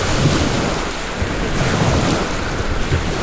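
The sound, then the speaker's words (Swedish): A steady, dense wash of wind and water noise with low rumbling surges, waves slapping against the hull heard from inside a sailboat that has just anchored after its maiden voyage, its first time at sea. Continuous and fairly loud with no voices. “Nu sitter vi inne i båten och har precis ankrat efter jungfrufärden.”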